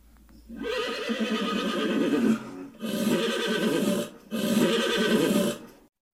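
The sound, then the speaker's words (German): Horses that have torn loose and shied whinny loudly in three long, shrill bursts with short pauses between, sounding agitated, with no talking over them. “Schnell rannten sie los und versuchten, ihre Pferde zu beruhigen.”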